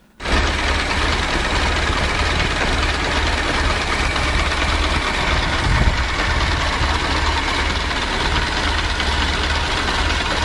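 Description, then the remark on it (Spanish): A Ford Model T engine idles steadily, fairly loud, with a continuous low rumble and rattly mechanical chatter for about ten seconds and no voices. “esos eran los sonidos de la niñez de mucha gente también, y este era el sonido del motor.”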